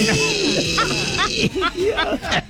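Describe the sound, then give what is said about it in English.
A man cries out loud in wavering, drawn-out wails and whimpering sobs, fairly loud, several rising and falling cries over a couple of seconds. “Y'all know how them thugs be crying.”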